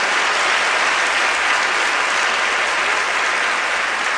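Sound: audience applauding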